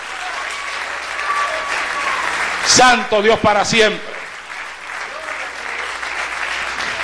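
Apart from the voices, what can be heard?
audience applause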